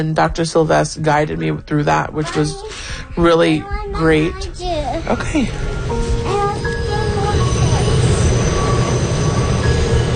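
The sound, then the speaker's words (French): A voice talks briefly before a subway train's steady rumble takes over, with thin, sustained metallic wheel squeals ringing above the loud rattling ride, on a subway ride from Brooklyn to Manhattan, New York. “en prenant le métro depuis Brooklyn jusqu'à Manhattan, où se trouve le centre Weill Cornell Medicine de l'hôpital New York Presbyterian.”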